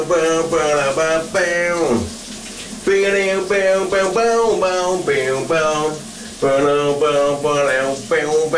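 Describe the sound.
A voice does vocal air guitar, imitating an electric guitar riff of a big summer hit, belting bursts of twangy, sliding notes in a rhythmic pattern over a steady, loud hiss of running shower water.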